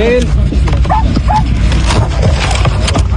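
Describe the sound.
A small, fluffy dog yaps and whimpers in short, high-pitched bursts as rescuers pull it out of a crumbled building in Venezuela after almost a week trapped, amid a noisy, bustling scene with people talking and rubble-like clatter in the background.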